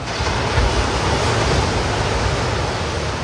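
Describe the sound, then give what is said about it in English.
A steady, full-bodied wash of surf rolls continuously, a broad roaring hiss of early morning waves breaking on a patch of public sand at South Walton Beach, Florida, with no voices, holding an even loudness throughout. “That's one of the sounds of my summer, early morning waves at a patch of public sand at South Walton Beach in Florida.”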